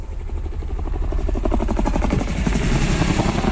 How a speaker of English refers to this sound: Hi Catherineites, after such a pumping wet season, why not enjoy our beautiful Nitmullook Gorge on a helicopter ride with North Horizon Heli Adventures.